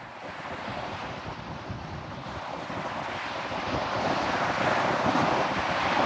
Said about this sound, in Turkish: Doğrudan karla kaplı buzul dağlarından geliyor. Bunu ayarlamak için rüzgarın ve dalgaların sakinleşmesini bir gün daha beklemeli miyim diye düşünüyorum doğrusu.